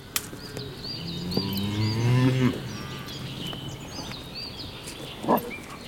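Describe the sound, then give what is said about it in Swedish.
A cow lets out a long, low moo that swells and fades over a couple of seconds, with birds chirping faintly in the background and a brief rustle near the end. “Skogen är så stor. Den är full med kor.”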